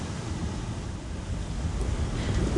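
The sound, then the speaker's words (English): Ocean waves rush and break in a steady, rumbling roar of surf on a sea among islands, mixed with wind noise, swelling slightly louder toward the end. No voices are heard. “There's distance wherever you look, with the shapes of the islands for relief and the sea always changing, never changing, the waves that never stop coming.”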